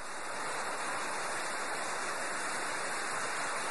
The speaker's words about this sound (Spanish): ¡Qué aguacero tan fuerte! Nunca había visto un aguacero tan duro. Y además está cayendo granizo, hijo.